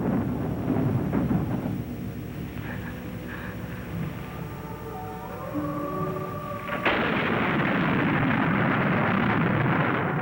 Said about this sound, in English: Look, it's raining. It's raining at last. Water, praise be the name of the Lord.